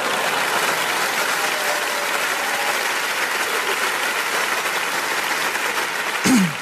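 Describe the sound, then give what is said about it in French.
Sustained audience applause fills the whole stretch, a dense, steady patter of many hands clapping, with a brief louder burst near the end. “Ouais, applaudis, ça me fait plaisir.”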